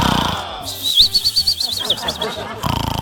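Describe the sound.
A person imitates snoring with a fluttering, whistly high tone over a low rasp, pulsing in quick rhythmic bursts for about two seconds with no talking.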